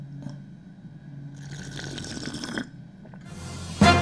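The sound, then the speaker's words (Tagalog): Someone drinking Davao City water, with soft liquid sloshing and swallowing sounds over a low hum, ending in a brief louder splash of water. No one speaks. “Minom sa kong drip water, ha?”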